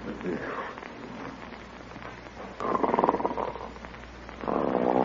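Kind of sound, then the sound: human body sound, snoring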